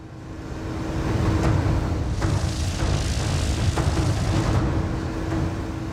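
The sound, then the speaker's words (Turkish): A small Cessna propeller airplane's engine drones steadily with a broad, rumbling roar and a faint constant tone, swelling slightly as it builds power for takeoff from the runway; no voices are heard. “Burası Cessna. 206 ve 106 numaralı pistten kalkış yapmak üzereyiz.”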